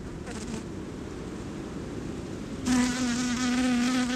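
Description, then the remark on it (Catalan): Bees buzz steadily around a flower, a low droning hum, until one comes in close about halfway through, its pitch suddenly louder and clearer for the last couple of seconds. “Per tal d'il·lustrar aquesta paraula, sentim el procés de pol·linització d'una rosa.”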